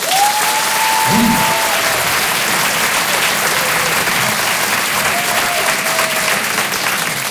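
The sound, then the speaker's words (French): Sustained applause from a large audience, a dense steady wash of clapping at constant loudness throughout, with a few brief tonal whistles or cheers rising above it. “N'applaudissez pas !”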